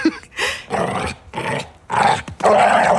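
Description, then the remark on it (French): A pit bull bounds and runs behind a door, barking and growling: several loud rough barks in quick succession, separated by short gaps, with snarling growls running through them. No one speaks. “Le chien qui bondit en aboyant.”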